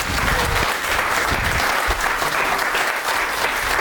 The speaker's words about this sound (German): Ich glaube, die traut sich nicht so ganz raus, aber wenn ihr die mal so ermutigen könntet, ne, so richtig so, wenn ihr in beide Hände klatscht, ist das sogar lauter, ne? Also wenn ihr jetzt mal so richtig Gas gebt, vielleicht kommt die dann, ne?